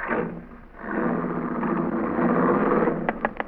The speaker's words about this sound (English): What's that noise, Cash? Huh? Oh, there's a dame in the back seat hammering on the glass partition.